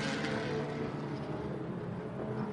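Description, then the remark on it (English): A race car engine roars steadily and loudly as the car, after struggling to fire off following a pit stop and driver change, accelerates out of the pit lane onto the track, a sustained, dense mechanical drone with no voices. “The car now struggling to fire off and away. The door open, and finally Tommy Milner out onto track.”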